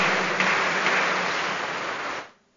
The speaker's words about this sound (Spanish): Un aplauso allá para los cumpleañeros.